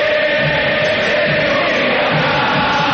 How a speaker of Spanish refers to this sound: Ensordecedor el griterío.